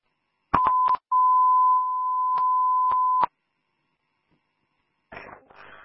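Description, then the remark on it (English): Dispatch radio alert tones: a few sharp clicks, then a steady loud electronic tone held for about two seconds, broken by clicks, ending abruptly before a brief burst of radio static. “Airman 2, incoming tones.”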